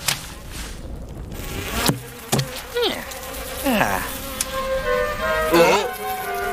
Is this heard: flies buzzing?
yes